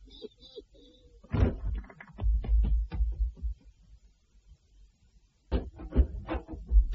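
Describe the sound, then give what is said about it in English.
A door is shut with a solid thump amid a cluster of knocks and rattles, followed by a brief lull and another burst of clattering bumps. “Yes, if you will shut that door.”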